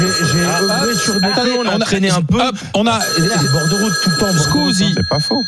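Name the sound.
telephone ringing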